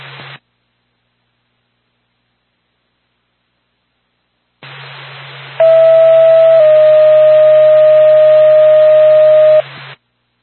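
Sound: ambulance dispatch alert tone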